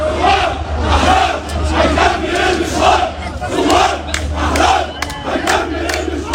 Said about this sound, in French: Le slogan bien connu appelant à la chute du régime résonne encore dans les rues de Beyrouth.